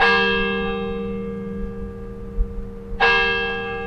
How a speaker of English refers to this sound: The days and nights of this institution have been marked by the sound of Denny Chimes' bells since the brick and limestone tower was completed in 1929.